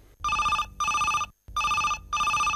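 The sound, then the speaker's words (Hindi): A telephone rings for an incoming phone call that opens today's program, in two double bursts, each a bright warbling trill with a short pause between, loud, with no one speaking. “तो शुरुआत करते हैं आज के इस कार्यक्रम की इस फोन कॉल के साथ।”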